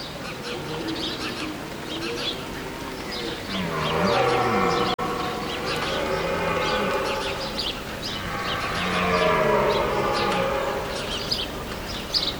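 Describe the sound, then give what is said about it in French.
Red deer stags belling: two long, deep, groaning bellows with wavering pitch, each several seconds long and fairly loud, over a steady background hiss. No one speaks. “Les cerfs qui brament.”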